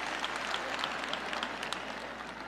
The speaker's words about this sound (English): See, when you clap those wimpy claps, I know it's because you're having a hard time clapping.